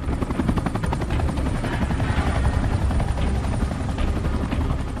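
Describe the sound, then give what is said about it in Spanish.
Loud, continuous helicopter noise with rapid rhythmic rotor thumping over a steady engine roar, sustained throughout, with no voices. The recovery helicopter has hooked a capsule from the water but cannot lift it because it is too heavy. “El helicóptero que intentaba recuperar la cápsula la enganchó como de costumbre, pero pesaba tanto que no podían levantarla.”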